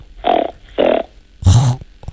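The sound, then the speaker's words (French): A child imitates a pig's grunt, making it with the nose: three short, nasal snorting bursts, the last one louder and rougher than the first two, with no other talking. “Alors, j'ai entendu la poule et le cochon.”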